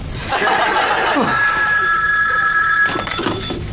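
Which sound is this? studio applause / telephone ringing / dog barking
telephone ringing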